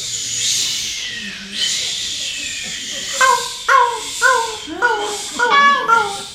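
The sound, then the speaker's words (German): An audience imitates waves breaking on a beach with breathy, hissing whooshes that swell and fade twice, followed by a run of short, repeated tonal calls in a quick rhythm. “So Wellen, die an einem Strand stoßen. Was machen denn Wellen? Genau. Gebt uns mal die Welle.”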